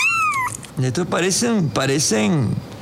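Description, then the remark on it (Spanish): Kittens meowing: a thin, high, falling mew first, then a quick run of louder, wavering cries, one after another with short gaps. “Bueno, si alguien quiere un gatito, acá le tenemos algunito.”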